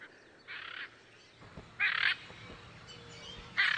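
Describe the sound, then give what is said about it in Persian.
Three loud, harsh macaw squawks, each a short raspy burst around a third of a second long, spaced evenly apart over a low background murmur with no talking. The macaws are in the Pantanal during their breeding season. “حالا زمان نسل گیری توتی های ماکو نیز رسیده است.”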